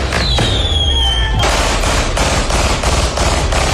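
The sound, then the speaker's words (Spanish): At a symbolic wake in Quilicura, a shrill firework whistle gives way to a loud, rapid barrage of gunshots fired into the air mixed with fireworks, sharp bangs crackling in quick, uneven succession without pause. “Con disparos al aire, fuegos artificiales, un auto quemado y sin detenidos, terminó un velorio simbólico en Quilicura.”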